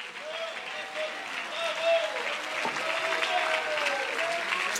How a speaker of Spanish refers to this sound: Alabanzas, alabanzas, un aplauso adicional en esta hermosa mañana.